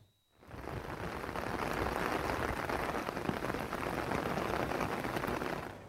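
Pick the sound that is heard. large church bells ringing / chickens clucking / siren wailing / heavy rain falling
heavy rain falling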